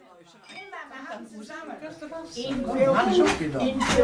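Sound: glasses clinking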